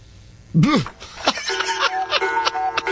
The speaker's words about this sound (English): They should have played the whackometer instead of the bell. Of course, that bell sounds like the end of a, you know, a 12 round bout.